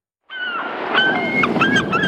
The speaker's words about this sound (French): Alors, est-ce que c'est ces mouettes-là exactement et ce sont des mouettes-là? Pas forcément, mais en tout cas, il y a quand même quelques mouettes qui se baladent chez nous en Touraine et on est très heureux d'entendre ce son